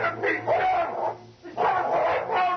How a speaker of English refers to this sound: the dog leaped. In one one blinding flash, the dog spanned the distance that separated him from the killer.